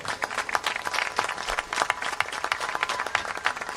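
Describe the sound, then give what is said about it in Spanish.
Audience applause for a birthday fills the moment, a dense, steady patter of many hands clapping at once, sustained and fairly loud for a few seconds with no voices over it. “Un aplauso para”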